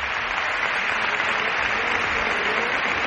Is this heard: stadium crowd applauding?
yes